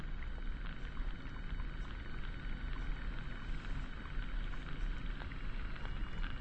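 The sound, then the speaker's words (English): An underwater hydrophone recording made at low tide in a saltwater bed, of mostly seaweed and sea urchins, released in 2021 on the Sam Lang record label: a dense, steady bed of crackling and fizzing, scattered with tiny clicks and a low rumbling wash underneath, with no voices. “In a saltwater bed, and the sounds that you are hearing are mostly seaweed and sea urchins, according to the recordist.”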